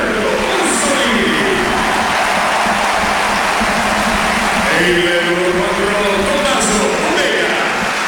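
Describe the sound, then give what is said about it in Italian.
A football stadium crowd stands and applauds Federico Bernardeschi as he is substituted off in a Bologna match, a steady, dense roar of clapping that fills the whole stretch, with voices and shouts rising out of the noise partway through. “Sì, due cambi, vediamo il primo cambio, fuori Bernardeschi, dentro Rossolini, e lo stadio si alza in piedi per applaudire Federico Bernardeschi, uno stadio per lui, si riprende la platea.”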